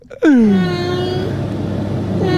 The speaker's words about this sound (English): All right. It's the inflection. I can hear it. You think that's an Irish cat? Yeah. You can hear it. Sorry, Northern Irish.